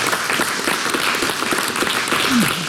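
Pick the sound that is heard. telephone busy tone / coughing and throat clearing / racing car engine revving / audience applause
audience applause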